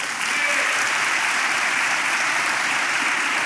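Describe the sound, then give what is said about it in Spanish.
An audience claps steadily in applause to the Lord, a dense and even wash of many hands applauding loudly from start to finish without pause, with no voices standing out. “Muy bien, den un aplauso al Señor.”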